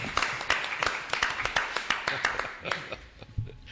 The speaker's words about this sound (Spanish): Me vaya a permitir que, aunque sea de forma retardada, le dé este aplauso a Jesús. Muy bien, muy bien. Sí, señor.